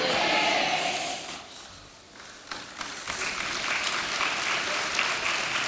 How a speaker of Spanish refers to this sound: Los varones no aplauden nada, ¿te has dado cuenta, hermano?